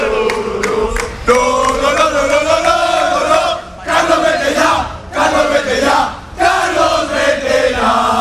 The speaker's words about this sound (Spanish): Hemos escuchado en el arranque del partidazo a Corberán y la situación tan delicada que vive el Valencia, que se ve también un poco reflejada en los aficionados que ahora vuelven a gritar.